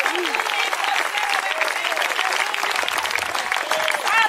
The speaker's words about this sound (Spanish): Si puede, dígale amén, denle un aplauso bien dado al Rey de Reyes y Señor de Señores.